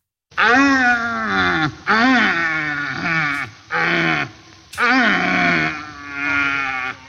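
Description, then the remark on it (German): A male red deer stag from the Allgäu, weighing about 200 kilos, roars in rut in a voice message. He gives about five loud, hoarse, groaning bellows in quick succession, each rising and falling in pitch, and there is no talking. “Ja, ein Rothirsch, die haben gerade ihre Brumpf. Das heißt, die stehen da, ja, schreien rum.”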